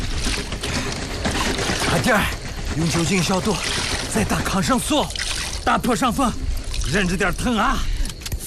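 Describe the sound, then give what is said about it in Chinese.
Clean water pours in a steady, continuous stream to rinse a man's wound from a wolf's claws, while voices with rising and falling, groan-like tones sound over it throughout. “好， 快，来，反复给他冲洗伤口，一直冲洗。”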